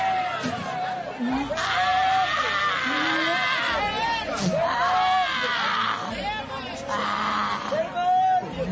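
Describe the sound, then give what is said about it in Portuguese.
A church audience shouting and yelling together during a deliverance prayer, crying out for Jesus to burn the evil out of a woman, in a continuous, loud roar of overlapping cries with strained high pitches rising and falling throughout. “Vai gritando para Jesus queimar.”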